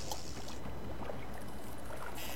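A small boat pushes off from a dock and moves off through water, with a steady wash of splashing and gurgling against the hull, continuous, no voices present.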